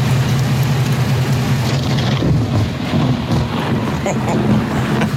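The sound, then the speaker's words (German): Hail clatters down in a dense, steady roar during a thunderstorm in Erfurt-Schwerborn, Germany, while gusty wind rumbles low into the microphone. It stays loud throughout, with a voice faintly audible beneath the storm. “Rund um Erfurt, da hagelt es ordentlich.”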